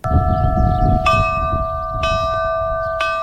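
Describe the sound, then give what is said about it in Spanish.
Church bells in Navarre, which are to play a special role during the day's eclipse, ring loudly, with fresh strikes landing about once a second over a sustained, humming resonance and a low rumbling background. “Campanas que tendrán hoy un papel especial en el eclipse.”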